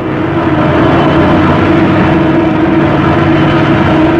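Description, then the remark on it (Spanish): A small plane descending dangerously toward a clearing in the jungle as its pilot attempts a landing, its fuselage shaking. The engine roars in a loud, steady drone, with a constant low hum and a rough rumble that holds without pause. No voices can be heard. “La avioneta descendía peligrosamente.”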